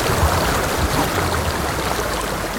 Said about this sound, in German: Wenn man in den Bergen ist, das Rauschen von Wasser, ich finde, es ist ein anderes als Meerrauschen.